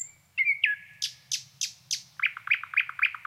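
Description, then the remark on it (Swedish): A nightingale at Krankesjön, sitting close to the microphone, sings loudly on its own: a high whistled opening, then a series of sharp descending notes, then a rapid run of repeated chirps over a faint low hum. “Ja, men det där var häftigt med näktergalen vid Krankesjön som satt helt nära mikrofonen och aldrig slutade sjunga.”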